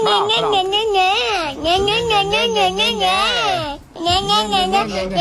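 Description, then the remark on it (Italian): A young child's high, wavering voice, played as a sound effect, whines and babbles loudly, almost nonstop for about five seconds with one brief pause near the end. “Scatenate il bimbo, per favore, quello lì che era.”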